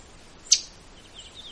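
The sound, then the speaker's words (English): A single sharp, loud chip call from a northern waterthrush, a warbler migrating through, rings out once on a windless October morning against a still, quiet background, bright and abrupt, then fades quickly. “That loud chip.”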